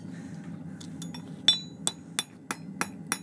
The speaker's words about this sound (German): Beim Schmieden hämmert er das weiche Metall auf dem Amboss, um es perfekt an die Hufform des Pferdes anzupassen. Individuell auf jeden Huf.